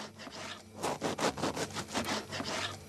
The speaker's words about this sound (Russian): Так, масло режем.